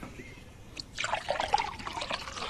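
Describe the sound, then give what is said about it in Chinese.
Water pours steadily into a cup for about a second and a half after a brief quiet start, a close, bright trickling splash with no voices. “国红，倒水。”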